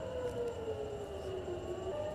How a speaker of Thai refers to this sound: ล่าสุดมีรายงานว่าเสียงเตือนภัยทางอากาศดังขึ้นทั่วพื้นที่ตอนกลางของอิสราเอลในขณะที่กองทัพอิสราเอลเร่งสกัดขีปนาวุธที่ยิงมาจากเยเมนค่ะ